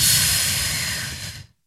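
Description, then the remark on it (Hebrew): A long, breathy exhale after a deep breath, a steady airy hiss lasting over a second before cutting off into silence. “ונשיפה,”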